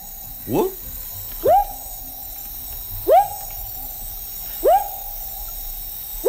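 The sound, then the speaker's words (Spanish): A frog calls about five times at steady intervals, each call a rising, hooting whoop that swells and then holds, fairly loud against a quiet background. “No es lo que parece. Es un anfibio.”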